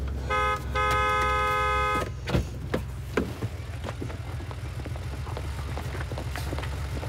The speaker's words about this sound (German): Sie fahren meinen Wagen aus der Parklücke und ich drücke so lange auf Ihre Hupe.